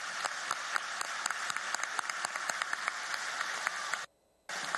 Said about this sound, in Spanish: Un aplauso, por favor, para ellos.